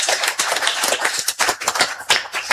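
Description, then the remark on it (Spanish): A crowd applauds steadily, many hands clapping in a dense, overlapping patter that stays loud and sustained throughout, with no voices rising above it. “fuertes los aplausos para Dionisio”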